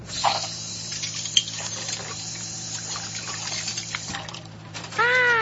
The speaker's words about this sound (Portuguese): Ah, olha só. Esse menino tá lavando louça. E ele gosta de fazer isso.